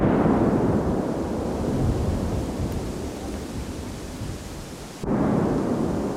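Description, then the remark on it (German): A controlled detonation of munitions found in a wooded area in Borgsdorf, around 11:45: a deep, loud booming roar rolls on for several seconds, fades slightly, then a second heavy blast surges in near the end as the ground vibrates. No one speaks. “Es knallt, der Boden vibriert. 5 große Einzeldetonationen sind direkt nacheinander hör- und spürbar.”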